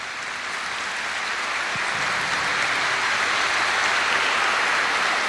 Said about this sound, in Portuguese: Vamos dar uma salva de palmas para as nossas crianças?